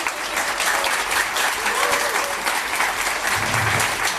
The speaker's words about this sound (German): Ihr gebt ihm gleich noch einen riesen Applaus.